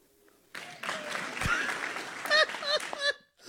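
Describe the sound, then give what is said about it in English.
A burst of audience applause at a press conference breaks out suddenly after the announcement that the white throwback jerseys will return for 2027. It is dense and steady for a few seconds with excited voices and whoops mixed in, then cuts off abruptly. “Actual applause!”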